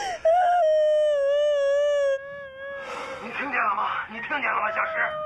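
A woman wails in a long, high, wavering cry, then breaks into broken, sobbing crying that rises and falls. She is fairly loud, with no other voices.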